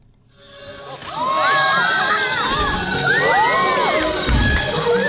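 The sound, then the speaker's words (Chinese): A crowd cheers and shouts loudly, with many overlapping high voices whooping and calling out in a sustained, excited roar that swells after a quiet start and stays strong throughout. The audience is cheering a Qinqiang (Shaanxi opera) performance at a film and TV base in Chang'an District, Xi'an, Shaanxi, China. “在西安市长安区的一家影视基地内，秦腔演员的表演引得现场观众驻足围观，阵阵叫好声不绝于耳。”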